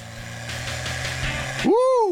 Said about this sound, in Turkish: 1960 model Opel GT. Şimdiden gülümsüyorum çünkü bu araba çok tatlı. Biraz yokuş yukarı gideceğiz. Gaza biraz daha basacağım. Bakalım ne olacak.